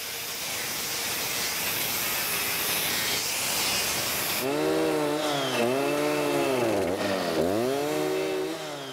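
A chainsaw cuts into wood with a loud, gritty roar, then the engine revs up and down in a buzzing whine, continuous, with no talking.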